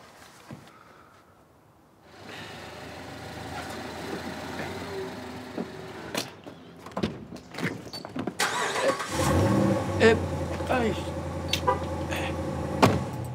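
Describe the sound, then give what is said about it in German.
After a brief quiet moment, a new car's engine cranks and catches, with a few mechanical clicks, then settles into a steady, louder idle. “Mein neues Auto. Noch ein bisschen gewöhnungsbedürftig.”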